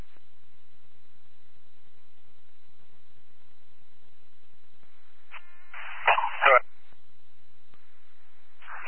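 A dog in a vehicle barks a few times in short, sharp bursts, fairly loud, with a quick cluster in the middle and another bark near the end over a faint steady hiss.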